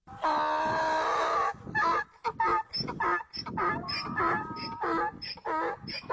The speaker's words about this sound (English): All right, and you guys are correct. That was a donkey.